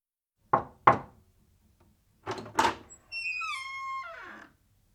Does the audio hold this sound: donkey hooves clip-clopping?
no